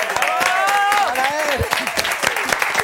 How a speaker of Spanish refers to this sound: ¡Un aplauso!